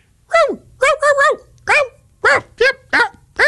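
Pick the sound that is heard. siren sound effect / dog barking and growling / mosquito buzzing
dog barking and growling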